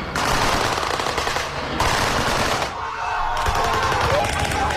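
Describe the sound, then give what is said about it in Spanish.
Rapid bursts of machine-gun fire crackle continuously, loud and dense, with brief gaps between volleys and a murmur of voices and shouting underneath, from a staged reenactment of the Battle of Lushan Pass put on for tourists in China. “se trata de una recreación de la batalla del paso de Lushan”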